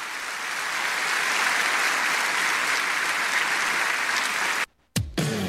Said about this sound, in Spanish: Denle un aplauso a Dios si entendió la palabra.